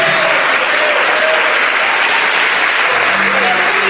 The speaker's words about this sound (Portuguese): Você que ergueu a mão direita, vem aqui para frente comigo agora. E enquanto você vem, nós vamos nos alegrar e aplaudir, e aplaudir o Senhor Jesus.